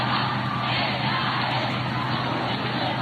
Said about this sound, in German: Wir sind die Jugend des Papstes. Das hört man immer wieder. Es sind viele jüngere Menschen in der Menge.